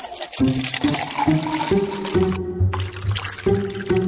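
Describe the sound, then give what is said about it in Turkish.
Vinegar and honey being poured and stirred into lukewarm water in a glass: a steady, continuous splashing gurgle with ringing tones that shift in pitch, lasting a few seconds with no voices. “Sirkeyi ve balı ılık suya karıştırdım.”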